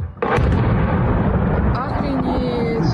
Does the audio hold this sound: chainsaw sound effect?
no